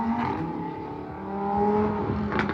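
Car engines of posers and speeders rev loudly at night on a boulevard, recorded by residents, their droning tones sliding up and down in pitch as they accelerate and race, with a sharp rising whine near the end. No one speaks.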